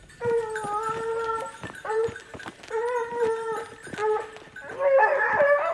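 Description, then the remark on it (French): Hunting dogs baying, a pack of long, wavering howls and yelps rising in repeated bursts, loud, growing more frantic toward the end, with no talking. “Un chien à sanglier, un chien à chevreuil, un cervidé, il faut qu'il arrive à trouver la voie, à rapprocher l'animal, à lancer l'animal et à tenir l'animal.”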